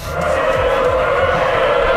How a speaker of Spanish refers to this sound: es el roce. Remo contra agua, casco contra deslizados o contra el mar.